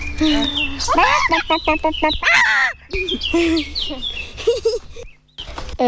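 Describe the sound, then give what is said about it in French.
A 10-year-old child's voice imitates a hen cackling after laying an egg: a loud series of rapid clucks building into drawn-out squawks, with breathy pauses between bursts. “Quand elle a pondu son œuf.”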